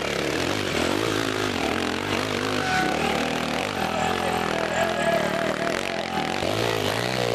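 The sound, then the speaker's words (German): A motorcycle engine roars steadily and loudly as Michael Resch rides up a hillclimb course, its pitch rising and dipping as the rider works the throttle, with no pauses across the whole stretch. “Ähnlich gut wie eben Martin Henschel geht Michael Resch den Berg hinein.”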